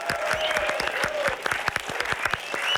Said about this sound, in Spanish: Del equipo de demostraciones. Un aplauso para él.